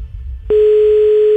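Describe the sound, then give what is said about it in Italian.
A phone line's ringback tone sounds once as a steady, loud single-pitch hum that starts abruptly about halfway through and holds to the end, with faint low background noise before it; the call goes unanswered. “Puttana, non risponde.”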